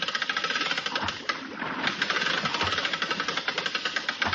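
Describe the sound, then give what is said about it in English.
A winch motor runs steadily as the winch is sent back down, its harsh mechanical drone carrying a fast, regular knocking pulse throughout, with no voices over it. “Where's that winch? Send it right back to you, Mac.”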